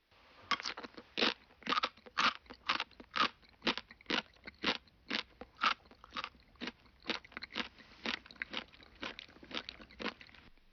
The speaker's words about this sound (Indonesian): Ini adalah bori-bori. Bunyi ketika mengunyah sesuatu yang keras.